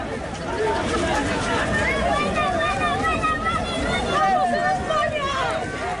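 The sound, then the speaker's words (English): A large crowd, many of them Moroccans, runs along the beach in Ceuta, many voices shouting and calling over one another in a dense, unbroken hubbub that stays loud throughout. “Well, that footage shows crowds of people, many of them Moroccans, running along the beach in Ceuta.”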